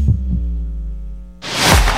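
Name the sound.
heartbeat sound effect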